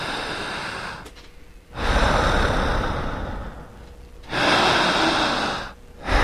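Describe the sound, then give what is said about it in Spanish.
Slow, deep breathing in a hypnosis breathing technique: a long, loud airy inhale followed by an equally long exhale, then the pattern begins again, with no talking. “En esta respiración, repetiré, no lo dijo nunca ni la hipnosis tradicional y tampoco lo dijo la psicología.”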